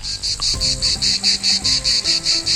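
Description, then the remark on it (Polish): A loud chorus of cicadas during a wedding ceremony, a high, shrill buzz pulsing in a fast, even rhythm about five times a second, continuous, with faint low sounds underneath and no talking. “I wtedy włączają się one. Cykady. Całym chórem.”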